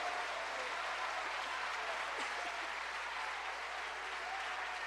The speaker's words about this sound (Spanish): Cuando bendicen su nombre, cuando le dan un aplauso al Señor por su misericordia.